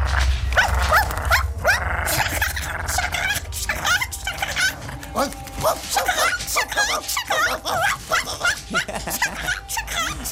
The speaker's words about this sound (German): stand oft lange vor dem Käfig und kläffte sie in seiner reichlich boshaften Weise an